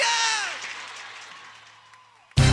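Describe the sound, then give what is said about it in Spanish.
A crowd applauds and cheers with shrill whistles and whoops, the noise gradually dying down over two seconds before a sudden loud burst of sound cuts in at the very end. “¡Aplauso para Coco!”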